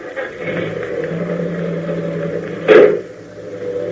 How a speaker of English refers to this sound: I thought I heard the car leave.